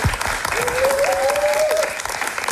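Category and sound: crowd, audience applause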